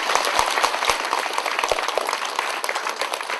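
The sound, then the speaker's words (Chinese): Warm applause from a crowd at a Buddhist dharma gathering, thanking a fellow practitioner: a dense steady patter of many hands clapping together with a few sharper individual claps standing out, at a fairly loud level. “大家向以最深热烈的掌声。”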